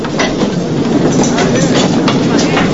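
A train rolls steadily along the rails, a loud continuous rumble broken by irregular clickety-clack beats from the wheels passing over track joints.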